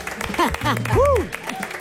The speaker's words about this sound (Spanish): Acá tenemos, y los vamos a recibir con un gran aplauso, a Jani Dueñas. ¡Bravo!